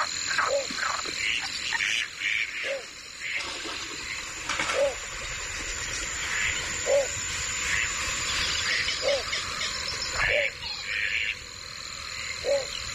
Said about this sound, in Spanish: seguimos en el Villar de Valdoví, pero al caer la noche, que es esa hora del cambio de guardia, donde los últimos sonidos del día dan paso a los timbres de la noche. Se van los patos y suena la noche.